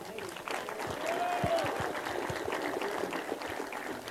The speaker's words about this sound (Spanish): El aplauso fuerte para nuestro director de Seguridad Pública y Movilidad, Roberto Hernández Romero.